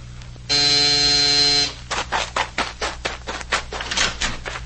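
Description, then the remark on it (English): A doorbell buzzer sounds once, a steady, harsh electric buzz lasting just over a second, followed by a quick, uneven series of soft thumping bursts. No one speaks. “Who rang this doorbell?”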